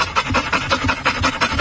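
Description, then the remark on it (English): A dog pants rapidly and steadily, each breathy huff clear in a quick repeating rhythm, with no talking over it; the panting goes with a video of Train Dog, a train with a dog's face on it. “So imagine that a dog is panting,”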